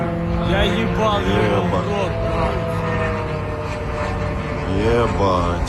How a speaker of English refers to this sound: Footage posted on social media shows a drone flying over Khimki, a suburb northwest of Moscow.